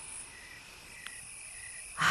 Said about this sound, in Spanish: Sí, nuestro jardín también está en calma, aunque ya lo estáis escuchando lleno de vida. Los grillos, las cigarras, los mosquitos bailan.